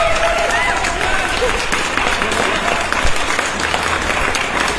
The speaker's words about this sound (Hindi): और first of all आप सभी के लिए एक बार जोरदार तालियां।